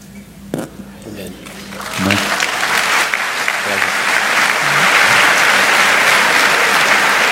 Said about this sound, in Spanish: Me parece que son las mujeres que están aplaudiendo. ¿Ahora son los hombres? Okay.